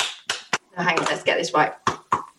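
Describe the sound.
Sharp, loud hand claps come in irregular pairs, two at the start and two near the end, with a stretch of voiced, murmuring sound filling the gap between them.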